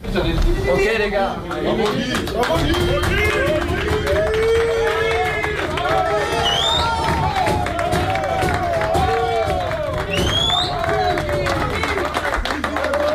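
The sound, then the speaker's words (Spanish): France national team footballers in the dressing room applaud and cheer loudly for assistant coach Guy Stéphane after a 4-1 win over Norway, steady clapping under a tangle of overlapping shouts and whoops, with no pause or drop in intensity. “esta ovación cerrada de los futbolistas en el vestuario”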